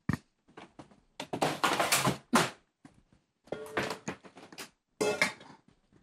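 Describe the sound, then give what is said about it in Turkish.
Two metal cooking pots clank and scrape as they are shifted and set down on a hard surface, several loud bursts of clatter separated by brief pauses. “Geliyorum iki tencere. Ama olmaz ki öyle şey. Koy kenarından.”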